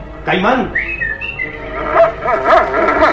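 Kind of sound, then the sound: animal, dog barking and whining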